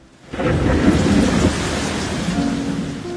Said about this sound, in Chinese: 有一天，天空突然下起大雨，当大家狼狈地奔跑躲雨，只有他从容地撑开伞。